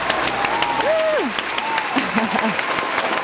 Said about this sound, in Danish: Har vi ikke en klapsalve? Vi har en klapsalve.